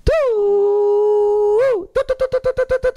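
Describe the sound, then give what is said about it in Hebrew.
A shofar sounds one long, steady, loud blast that bends up in pitch at the start and end, then a rapid run of about ten short staccato blasts. No voices. “מתחילה האזעקה של השופר.”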